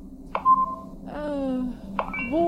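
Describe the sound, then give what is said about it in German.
A phone is tapped and operated: two sharp clicks, each followed by a run of steady electronic beeps and rising tones. No one speaks. “Los, gib mal dein Handy eben her.”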